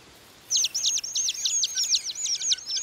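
A song thrush calls in a quick, steady run of high, thin notes that starts after a brief pause and continues without a break, clear against a quiet background.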